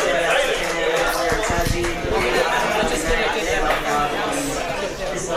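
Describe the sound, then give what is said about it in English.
A small crowd chatters steadily, many overlapping voices blending into a continuous, fairly loud murmur with no single speaker standing out. “It's this little crowd.”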